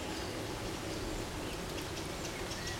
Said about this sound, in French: Vous êtes là, au milieu de la chênerie de Gaylor. Une pluie fine s'abat dans les feuillages.